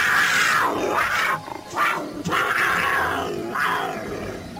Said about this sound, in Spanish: Arriba, desde otro árbol frondoso y desde lejos, un gran puma majestuoso con un gran rugido se hizo notar.